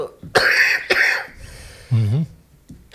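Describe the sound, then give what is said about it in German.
A harsh coughing fit: two strong barking coughs, a rasping throat-clearing stretch, a short voiced groan, then another cough starting at the end. “Ich habe sonst immer einen Hustenbonbon in der Tasche. Ja, es ist wirklich doof, wenn man dann redet.”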